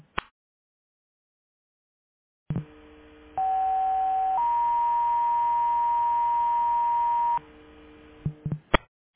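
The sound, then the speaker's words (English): A dispatch pre-alert tone for a medical alarm at 1750 East Central Avenue, Sevelin: a steady lower beep lasting about a second, then a longer, higher held tone, over a bed of radio hiss with clicks before and after. “Pre-alert medical alarm, 1750 East Central Avenue, Sevelin.”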